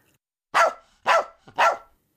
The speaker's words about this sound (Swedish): Plötsligt skäller en hund högt och gällt.